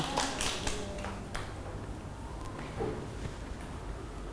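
A ragged burst of hand clapping from a group of children, quick and uneven at first, then thinning to a few scattered, softer claps over a low background murmur.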